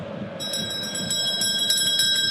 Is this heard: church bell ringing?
yes